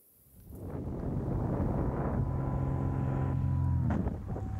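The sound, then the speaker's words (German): A small Cessna propeller plane's engine roars up amid heavy wind rush as it shreds a paraglider's wing in flight, on its way towards Zell am See; its droning tone holds loud for a few seconds before abruptly dropping away. No one speaks. “Dass eine Cessna ihren Gleitschirm zerfetzt, damit hat sie definitiv nicht gerechnet.”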